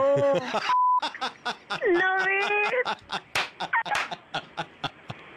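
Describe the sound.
A short, steady mid-pitched censor beep cuts into heated, fast talk on a Radio Mirchi radio call, which is broken up by a rapid string of sharp slapping bursts.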